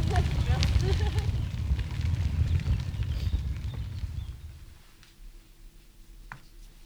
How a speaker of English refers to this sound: Crackling fire.